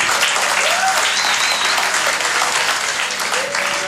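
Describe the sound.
Sustained audience applause, a dense, steady wash of many hands clapping at high volume throughout, with faint whoops and voices rising briefly through the noise.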